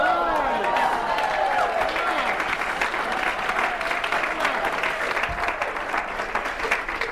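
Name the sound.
audience clapping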